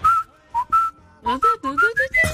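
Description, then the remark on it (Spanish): Someone whistles a short, lively melody, a few quick rising and falling notes with brief pauses between phrases, and no talking. “Vos estabas en la calle y venías silbando.”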